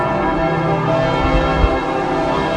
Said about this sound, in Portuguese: Às 9h58, quando o Papa Leão XIV aterrou em Paris, tal como anunciado, os sinos da capital tocaram durante 7 minutos.